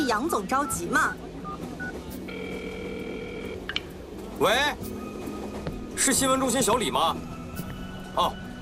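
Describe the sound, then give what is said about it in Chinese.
A short run of telephone keypad beeps, steady electronic tones lasting about a second, as a reporter dials the news centre aboard a train, set between bursts of people talking with a low background hum. “那你还不赶紧打电话呀？”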